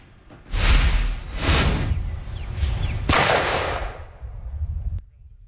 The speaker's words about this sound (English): The Maryland State Fire Marshal's Office held a live demonstration this week showing how dangerous illegal fireworks can be.